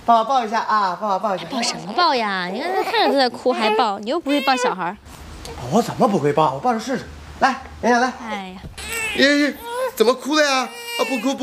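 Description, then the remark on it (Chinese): An infant cries in repeated wavering wails while being comforted, with a few breathy whimpers between bursts, while no clear adult speech stands out over the crying. “不哭呢，宝贝儿，宝贝儿怎么啦？”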